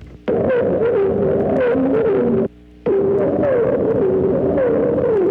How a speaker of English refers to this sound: Other modifications of this theme are entirely different phrases used by this bird may be heard in the following song.